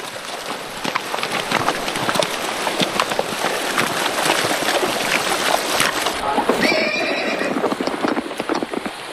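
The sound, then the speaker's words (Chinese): Patrol horses wade and splash across a narrow river with a gravel-covered bed of uncertain depth, on a rainy day, with a steady wash of churning noise and repeated hoof strikes, continuous, with a brief whinny near the end. “抓紧马缰绳，防止马进马之后乱跳。”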